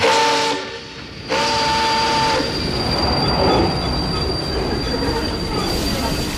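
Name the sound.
train running on rails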